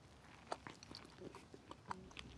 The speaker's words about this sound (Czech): To voní jako jahoda. Tak jako po voni jsou výborný. A teď se kousnem.